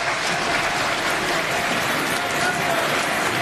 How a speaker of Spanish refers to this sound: Esto simplemente ha sido tomado por el resto de grupos o de bancadas, respondido por un aplauso, y se ponen de pie algunos integrantes de Fuerza Popular.